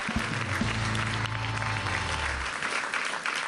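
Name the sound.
audience applause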